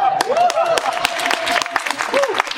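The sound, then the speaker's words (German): Audience applause: dense, steady clapping for the whole stretch with crisp, irregular hand claps, while a sustained tone like a voice or cheer runs underneath and bends in pitch. “Der Applaus kommt an der richtigen Stelle.”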